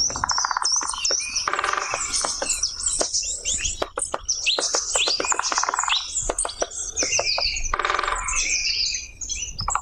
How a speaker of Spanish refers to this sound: Este tamborileo se llama, este sonido, que es el golpeteo en la madera de este pajarillo